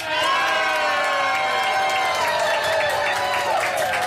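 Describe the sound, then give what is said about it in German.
A live audience at the Tag der Niedersachsen festival at the Löwenwall in Braunschweig, Germany, cheers and shouts continuously, a dense wash of many voices with whoops rising above it, loud and sustained for the whole moment. “Und wir haben aber ein tolles Publikum hier immer noch. Ja, oder?”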